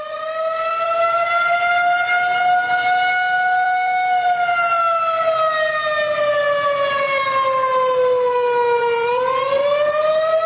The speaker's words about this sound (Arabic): في الأخبار المتداولة الآن: صافرة الإنذار تدوي في الكويت، من البحرين إلى الكويت.